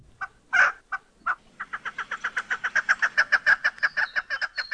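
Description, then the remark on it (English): Calls of a chukar, a game bird: a few scattered clucking notes, then a rapid, rhythmic series of loud, raspy chuk notes that builds steadily and continues without pause, heard clearly with no talking. “Well, chances are it's a game bird called a chukar. They have all kinds of calls, and we've got a few for you today.”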